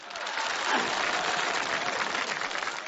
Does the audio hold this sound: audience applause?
yes